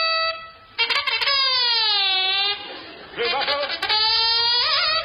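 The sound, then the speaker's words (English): A loud, wailing alarm with a bright, buzzy tone, sounded because the enemy is approaching: it sweeps slowly downward in pitch, breaks off briefly, then starts again and holds high and steady to the end. “Enemy are approaching, sir. What? Sound alarm.”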